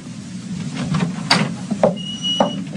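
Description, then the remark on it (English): A bedroom door down a hall is opened: a sharp latch clunk, then a couple of softer knocks and a faint high creak as it swings, over a low background rumble with no voices. “I went down the hall and opened the door.”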